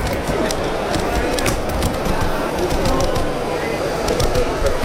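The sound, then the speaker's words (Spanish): Steady mechanical whirring with a rapid, fairly regular series of sharp clicking taps, like a quadruped robot dog's feet striking the ground as it walks, continuous and moderately loud throughout. “Y es lo que escuchan, porque mientras los robots con ruedas o los que conocemos como orugas se pueden atascar ante un obstáculo, los cuadrúpedos imitan la locomoción animal para moverse así con agilidad por terrenos completamente irregulares.”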